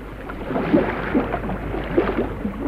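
A boat moves through water with a steady low rumble and soft sloshing splashes that swell at moments, continuous, with no voices. It is Captain Ford's ship Irving from San Diego sailing up.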